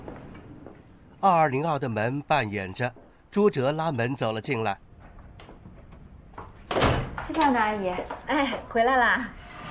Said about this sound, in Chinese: 202的门半掩着，朱哲拉门走了进来。